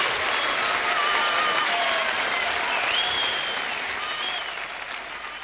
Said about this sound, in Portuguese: Uma palmas para toda a gente. Muito obrigado a todos e até à próxima.